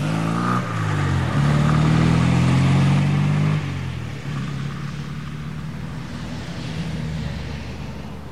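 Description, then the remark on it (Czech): A car engine revs up and pulls away toward the motorway, its low steady hum rising in pitch through a couple of gear shifts before settling into a fainter, even drone as it drives off. “Jenom přikývl a pak už si zase sedl vedle řidiče a otvrčeli směr dálnice.”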